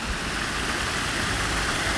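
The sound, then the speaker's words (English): Steady, unbroken rush of falling water from a man-made waterfall in Regent's Park, a dense hiss with a low roar underneath, holding constant loudness throughout with no voices. “We're standing next to a beautiful man-made waterfall in Regent's Park.”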